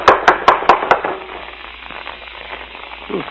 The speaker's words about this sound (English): Well, come on. Don't rap too hard. You'll knock the door off its hinges.